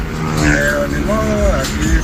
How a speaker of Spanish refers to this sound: Tráfico bastante pesado.